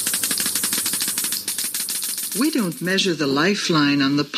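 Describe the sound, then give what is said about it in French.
Rapid, irregular crackling clicks of a Geiger counter, loud, running steadily for a couple of seconds before a person begins speaking over them. “Elle le fait au moyen d'un compteur Geiger. It's done with a Geiger counter.”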